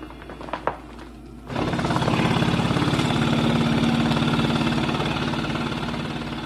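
A couple of soft clicks as the vest is clipped in, then an airway clearance vest, which helps clear mucus out of the lungs, fills with air and starts up with a loud, steady mechanical hum and rapid throbbing vibration that keeps going unbroken.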